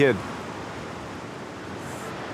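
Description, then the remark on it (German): A steady, broad wash of surf and wind on the beach at Pärnu on a windy day, even and unbroken, with a brief snatch of voice at the very start before the roar carries on alone. “Der Strand von Pärnu. Es ist wie eine Zeitreise. Fantastisch. Windig, frische Luft.”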